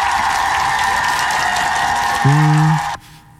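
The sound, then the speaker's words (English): Dense, steady applause for Travis Kelce fills about three seconds, with a brief low horn-like tone joining near the end before the clapping cuts off abruptly. “You know, applause to my guy, though, man. Give it up for Travis Kelce.”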